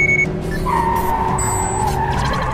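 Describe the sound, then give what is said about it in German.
A jeep tears along at speed in a car chase, its tires squealing in long, wavering screeches over a steady, loud engine roar, continuous, with no voices. “Das hier ist kein Rennwagen.”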